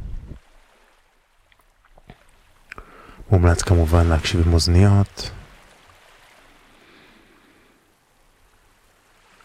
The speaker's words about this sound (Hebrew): אז בואו נשים לנו קצת ככה את השכבה הראשונה של צלילים של הים. כבר ברקע.